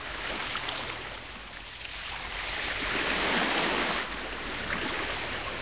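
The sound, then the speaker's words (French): A steady, hushed rush of the sea heard by pressing an ear to a large seashell, swelling gently in the middle before easing back, with no voices. “Et quand Toudou colle son oreille dessus, il entend la mer.”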